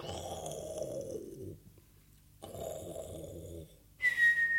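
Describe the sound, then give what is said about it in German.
Two long, rasping snores follow one another with a short quiet pause between them, then a bright, steady whistle cuts in right at the end. “Hier schlafen noch alle und schnarchen.”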